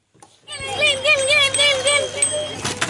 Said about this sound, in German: Kinder auf Fahrrädern klingeln ausgelassen. Sie haben die Straßen in der Stadt Herzliya übernommen. Nicht nur hier nahe Tel Aviv, in ganz Israel steht der Alltag für 25 Stunden still.